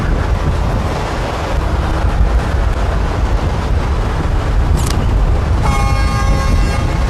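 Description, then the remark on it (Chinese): Steady roaring wind buffets the microphone throughout, and near the end an approaching train's sustained, multi-toned horn rises faintly above the wind. No one speaks. “有火车的声音，走走走，去问一下。”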